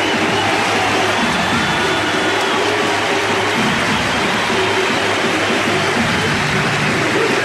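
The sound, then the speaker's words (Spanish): A large stadium football crowd roars in a loud, steady ovation for captain Velázquez as he leaves the field, a dense wash of applause and cheering that holds without pause for several seconds, with no voices standing out. “A la cancha Quintana, como decía Dani Maciel, se retira el capitán Velázquez y hay ovación para él.”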